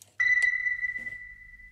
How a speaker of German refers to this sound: Mathilde Baldassari, die ihre Arbeit mit dem Geräusch eines Wassertropfens beschreibt, der in ein volles Glas fällt.